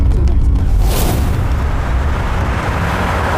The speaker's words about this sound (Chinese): 是不是矿长炸了？ 好像不是，出大事了，快走，走，快点，快走， 肯定是爆炸了， 快！ 那位置看了，冒烟了。